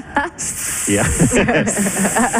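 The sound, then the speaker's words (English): A person imitates a snake, as if auditioning for the role of the snake at the Met, with a long, steady hiss lasting about two seconds, broken by one short gap. Voiced, sing-song sounds run underneath it, fairly loud. “They're all out there practicing nervously their arias.”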